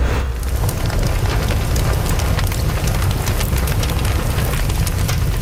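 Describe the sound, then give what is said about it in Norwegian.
A fire crackles steadily in a fireplace, with dense pops and snaps over a low, constant rumble. The sound is fairly loud, continuous throughout, with no voices. “Altså, hvem sier vel nei takk til et knittring i peisen?”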